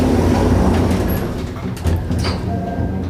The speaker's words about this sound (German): Tür schließt.